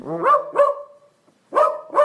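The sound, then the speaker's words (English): A synthetic dog voice from a 'Text your dog' AI app, voicing the typed text 'who's the best puppy in the world?', barks four times, loud, in two quick pairs separated by a short silence. No one talks. “we have three dog voices to choose from. Chihuahua, Golden Retriever, or a Dachshund.”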